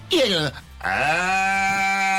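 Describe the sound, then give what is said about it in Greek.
A person voices a cow's moo: a short, rising call, a brief pause, then a long, steady, droning low held for over a second. “Θέλουμε και τις δικές σας μιμήσεις λοιπόν τώρα. Εγώ κάνω διάφορους χαρακτήρες, μάλλον αγελάδες με διαφορετικούς χαρακτήρες.”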